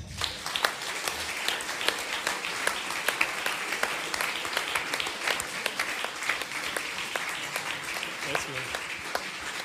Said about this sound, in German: Begrüßen Sie mit einem warmen Applaus